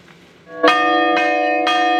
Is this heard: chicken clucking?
no